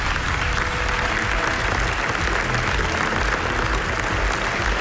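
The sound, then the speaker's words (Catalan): A large audience applauds the directors of the documentary NASA at its premiere at the Venice Film Festival, a dense, continuous wash of clapping that holds an even level throughout with no pauses or voices standing out. “I este que ara escoltaran és l'aplaudiment que van rebre els directors del documental NASA, estrenat fa uns dies en el Festival de Cine de Venècia.”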